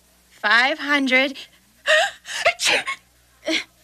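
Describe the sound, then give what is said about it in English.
A drawn-out, wavering voiced intake builds up, then a few sharp, breathy bursts follow in quick succession, like a fit of sneezing, loud. “I'm still in shock. And still sneezing.”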